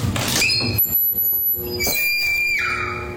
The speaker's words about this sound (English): No, this is the door entryway into the bathroom. And this one actually sounds like a horror movie scream. Like a woman screaming. Yes. Listen to this. I've never heard this happen before.